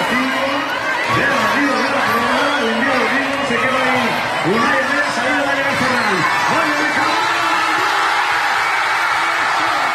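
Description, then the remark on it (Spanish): A large crowd watching the Spain–Argentina final on giant screens in Seville erupts in loud, sustained cheering after Ferran Torres's extra-time goal, many overlapping voices shouting and whooping together without pause for the whole stretch. “siguieron en las calles de Sevilla la final España-Argentina en dos pantallas gigantes, en el Palacio de Exposiciones y Congresos Fibes y en el Polígono San Pablo, donde la euforia se desató con el gol de Ferran Torres en la prórroga.”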